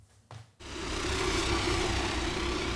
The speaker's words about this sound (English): So that is one of the firefighting planes that is engaged in this battle against what has been described as Belgium's biggest ever wildfire. We're just a few minutes' drive from the German border.